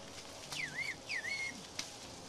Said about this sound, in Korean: 저쪽에서 휘파람으로 답변이 왔습니다. 뭐라고 했는지 알 것 같습니다.